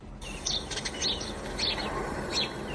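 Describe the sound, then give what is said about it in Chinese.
Birds sing in the forested valley of Fengling Valley Forest Park in Huanren County, Benxi, in the eastern Liaoning mountains of China, a bright call repeating about four times at a steady pace, over a constant rushing background hiss. No one speaks. “走进本溪环仁县的风铃谷森林公园，鸟鸣山谷，满目苍翠”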